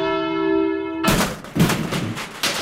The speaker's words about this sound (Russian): Вот звонок сорвался. Вот мы слышим, что ваш звонок сорвался.